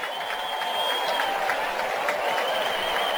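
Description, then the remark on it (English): A large baseball stadium crowd of St. Louis Cardinals fans applauds steadily as the pitcher Brule is taken out for a pitching change, a broad wash of clapping and murmuring, sustained and even throughout the few seconds. “Nice round of applause by the Cardinal fans here as Brule will be taken out now.”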